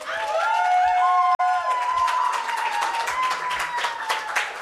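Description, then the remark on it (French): An audience at the Académie du Climat claps steadily and loudly for several seconds after a performance, a dense patter of many hands, with whoops and cheering voices rising above it and one brief break early on. “C'était …, un grand merci, applaudissez.”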